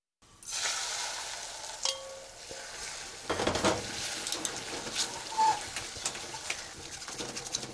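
Soft, steady sizzling of a little egg poured into a pot to check its temperature, with the clatter of utensils stirring and scraping against the metal and a few sharper clinks, with no talking.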